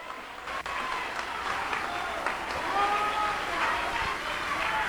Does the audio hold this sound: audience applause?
yes